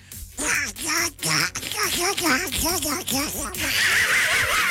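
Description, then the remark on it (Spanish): A man speaks in a raspy, quacking Donald Duck voice, imitating a duck's squawky chatter in rapid bursts while sending greetings, loud, then a hissy noise follows at the end. “si le puedes mandar un saludo a Rodrigo Regina y a Luis Mario con la voz del Pato Donald.”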